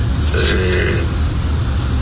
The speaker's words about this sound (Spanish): Aquí tienes aislado completamente el habitáculo, no se oye ruido, muy poquito de afuera, más que vengan con un escape abierto como ese.